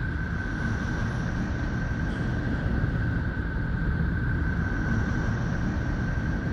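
A Neptune space sound, made from Neptune's electromagnetic emissions converted into sounds within human hearing range: a steady, deep rumbling hiss that rolls on without pause, with a thin constant whistle-like tone above it and no voices.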